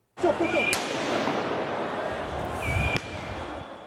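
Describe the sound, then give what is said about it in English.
A noisy street crowd of high school and university students protesting in Paris, France roars steadily while two sharp bangs ring out a couple of seconds apart as police fire tear gas to disperse them, with whistles and shouting in the mix. “Police in Paris used tear gas and water cannon to disperse high school and university students during protests.”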